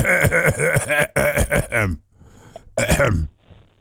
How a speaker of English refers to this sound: No, he's just clearing his throat.